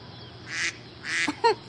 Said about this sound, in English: Wait a minute. Do you hear that? Yeah, I know what you're thinking, but it's not me. There's a duck somewhere on the Moses display. It's not programmed in the sequence.